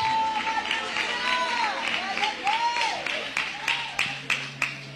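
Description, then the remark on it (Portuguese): A church audience claps in praise for Jesus, the applause building into scattered, sharp claps toward the end, while raised voices and cheering sweep up and down over a steady low hum. “receber com palmas de vitória para Jesus.”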